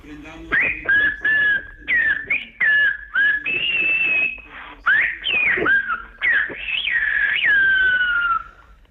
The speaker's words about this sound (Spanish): Vamos allá, lo haremos con el Ciervo Gomero. Y lo voy a silbar aquí y voy a decir: el Papa ya está aquí, alcemos la mirada.